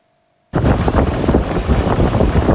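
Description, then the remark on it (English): After a half-second of near silence, a loud, steady roar of Hurricane Polo's storm wind and huge crashing ocean waves on Mexico's Pacific coast bursts in and churns on without pause, overwhelming, with no voices. “Hurricane Polo ripping along Mexico's Pacific coast. Huge waves, intense rain, and damage to businesses along the shore, including this small beachfront restaurant in Tecomán, Colima, even as the powerful storm remained well offshore.”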